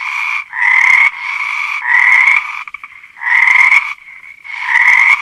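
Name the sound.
frogs croaking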